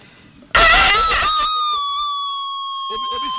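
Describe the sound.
A rooster lets out a single loud, drawn-out crow that starts abruptly and holds a strained, ringing tone for about three seconds, with faint background voices.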